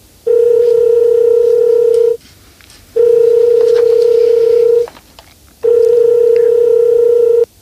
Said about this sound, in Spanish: Automáticamente coges el teléfono y marcas el 092 o el 091.